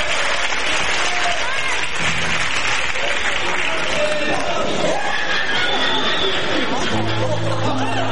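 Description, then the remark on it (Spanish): Steady, dense applause from an audience fills the whole stretch, with crowd chatter and a few cheers mixed in and some low tones sounding near the end. “regalamos un aplauso más a Mona Adriana.”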